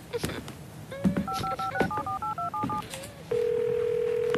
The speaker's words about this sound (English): I'm gonna make a phone call, but I'm just around the corner, okay?